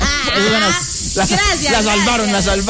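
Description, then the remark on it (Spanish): A steady, bright hiss of gas jetting, like a DJ's smoke machine, runs throughout, fairly loud, with voices talking over it. “Pero eso no es un humo, eso es un gas. Es un gas. Los gases sí suenan.”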